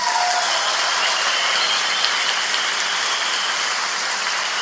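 An audience at a band's live show applauds the bass player and the drummer steadily. A dense wash of many hands claps at an even, fairly loud level throughout, with no voices audible over it.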